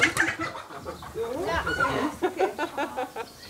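Several caught hens being moved into a mobile coop on a chicken meadow cluck and chatter in a busy, overlapping stream of short calls, with some background commotion mixed in.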